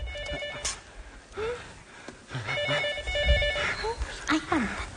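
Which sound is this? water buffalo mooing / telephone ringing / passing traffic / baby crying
telephone ringing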